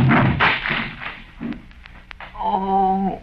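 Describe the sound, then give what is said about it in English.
A chair smashes to pieces as a person is thrown into it: a loud, rough crash of splintering wood, followed by a few sharp clattering knocks as pieces fall, then a brief drawn-out vocal groan. “Well, I don't know about that, but you threw me too hard, Cedric. Look there, you broke Lum's chair all to pieces.”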